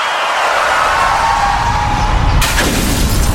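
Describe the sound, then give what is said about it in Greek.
A loud crash as a car windshield shatters, a sharp bright burst of breaking glass rising out of a steady rushing noise and trailing off into scattered crackles. “Πάει το Μπαμπρίς. Ποιος τον ακούει τώρα? Γυναίκα, τι έπαθε το αμάξι?”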